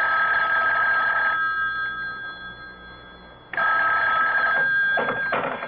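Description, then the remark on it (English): A telephone in a hotel room rings in two long, bright trilling bursts separated by a pause of about two seconds, loud and steady with a warbling tone and no voices. “I told you not to call me direct.”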